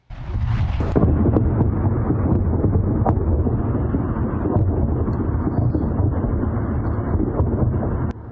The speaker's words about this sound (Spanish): Varias explosiones golpearon un muelle en una isla iraní en medio de intercambios de fuego.